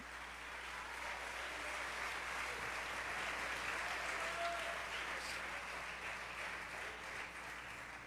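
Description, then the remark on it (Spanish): A church audience applauds the Holy Spirit steadily for several seconds, a dense, even wash of many hands clapping with no pauses and no voices on top. “Dale un aplauso al Espíritu Santo, iglesia.”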